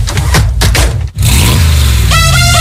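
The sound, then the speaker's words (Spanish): An old car engine rumbles and revs, cuts out briefly, then roars back and climbs to a higher, strained pitch. No one speaks. “Los coches del pasado, ya sabes, Rosa.”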